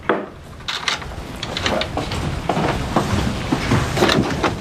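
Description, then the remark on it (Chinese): A door being shut and locked: a series of wooden clunks, rattles and clicks over a few seconds, with no one talking. “媳妇儿，锁什么门啊？”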